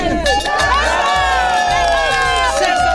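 A crowd of over 100 winter swimmers cheers and shouts continuously on the beach at Lake Ukiel in Olsztyn, Poland, as they plunge in to open the winter swimming season. A dense wall of overlapping high, excited yells and whoops stays loud throughout, with some individual voices rising above the rest.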